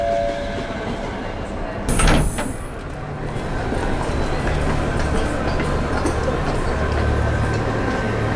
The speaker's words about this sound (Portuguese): A viagem dura pouco mais de uma hora. Stop Roma Termini. O comboio chega a Termini.